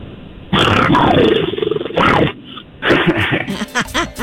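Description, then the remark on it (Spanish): A person does a gruff growl imitation over a phone-quality line: a long rasping snarl, a short break, then a few shorter choppy growls and grunts, loud and close. “Ahí le va un gruñidito más.”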